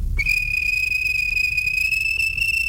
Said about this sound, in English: The guard blew his whistle.